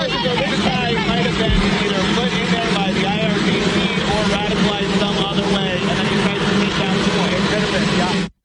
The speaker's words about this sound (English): All right, so kind of hard to hear there with the plane in the background